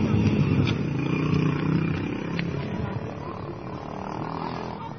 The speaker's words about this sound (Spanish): Ahí está una moto, es hoy en la noche esto, ayer. Ayer, pasaba una, pasaba la moto, pasaba, miren, esa era la que le dieron.